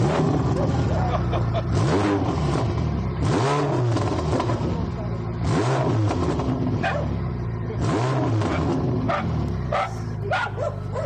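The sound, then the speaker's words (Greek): A Ferrari sports car engine revs loudly through its own exhausts in repeated rising and falling roars, about every two seconds, while dogs bark along with it. “Πάμε στις εξατμίσεις, απομακρυνόμαστε λίγο γιατί, ναι, ξέρετε... Το θόρυβο τώρα, γιατί είναι φοβερό θόρυβο αυτό που θα κάνει.”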